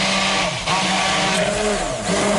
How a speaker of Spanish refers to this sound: Y trituramos, como estamos escuchando, hasta que nos quede una pasta, y con la batidora en marcha vamos a ir añadiendo el aceite poco a poco para que vaya emulsionando, como si hiciésemos más o menos una mayonesa.